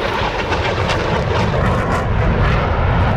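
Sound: airplane engine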